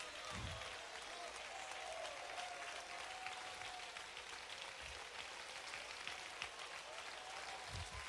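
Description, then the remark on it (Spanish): A large audience in La Unión, El Salvador, applauds steadily in worship of God, a dense, sustained wash of clapping that fills the whole space without pause, with faint low rumbles and a few voices buried underneath. “Que el cielo haga una pausa, que los ángeles se detengan de adorar para escuchar este aplauso en tierra salvadoreña que adora la gloria de Dios.”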